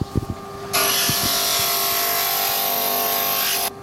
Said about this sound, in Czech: Vlastně si to zhruba připravím a potom to budu ještě brousit, aby nám to krásně zapadlo k těm ostatním dílkům. Takže se to bude brousit na brusce. Teď přecházíme k brusce.